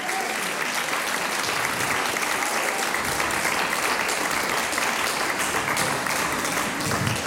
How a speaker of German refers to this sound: Das ist nochmal euer Applaus.